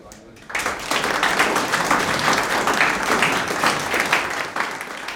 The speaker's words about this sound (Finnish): Annetaan raikuvat aplodit.